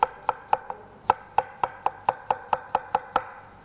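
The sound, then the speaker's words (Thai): A knife chops steadily through a red apple with its peel on, on a board, cutting it into small pieces for blending into a sauce: about fourteen crisp, evenly spaced strikes in quick succession, fairly loud with nothing else in the background. “แล้วก็แอปเปิ้ลแดงเราได้แอปเปิ้ลแล้วนะคะหั่นลงไปเลยแอปเปิ้ลที่เราใช้เราควรจะเลือกขนาดที่เท่าๆกันนะคะ”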